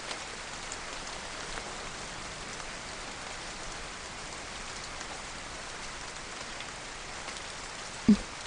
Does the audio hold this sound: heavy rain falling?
yes